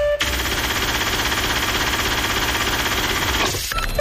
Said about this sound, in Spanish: Cuando ustedes escuchen que la caja registradora está activa es porque es el momento de participar, es el momento de ganar.